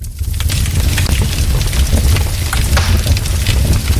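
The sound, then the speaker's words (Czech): Wood crackles and pops in a fireplace, with scattered sharp snaps over a steady low roar of flames, continuous throughout, with no voices. “Velmi populární, a to asi znáte i z televizních obrazovek, je praskání dřeva v krbu.”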